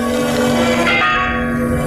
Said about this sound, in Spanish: Al escuchar la campana del convento, los teatinos se apresuraron a salir de su salón de reuniones y tomar asiento en espera del padre Cayetano.